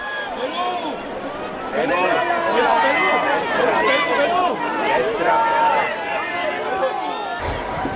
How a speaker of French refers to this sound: Chers amis de KTO, bienvenue sur la place Saint-Pierre de Rome. Avec le pape qui est acclamé par la foule des pèlerins, nous allons participer à l'audience générale de ce mercredi 17 juin 2026.